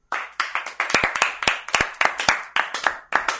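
A group of people clap together in a steady burst of applause, many hands producing loud, overlapping claps with a slightly rhythmic pulse throughout.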